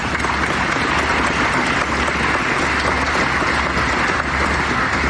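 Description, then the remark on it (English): An audience at a speech about the Space Force and its budget applauds steadily, dense clapping at a constant loudness for several seconds without any voices. “Yes, you can clap for that.”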